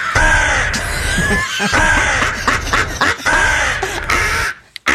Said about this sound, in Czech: Krásné to bylo. To je Edgar Allan Poe, to je krkavec.